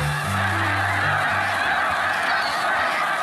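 A massive flock of snow geese resting on the surface of the water honks continuously, hundreds of overlapping calls blending into a dense, loud clamor with no pauses and no talking.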